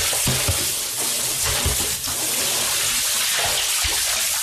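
A man hauls water up from a deep well in the mountains of Mongolia's Gobi Desert region, with steady sloshing and splashing, a few dull knocks and thumps along the way and no voices.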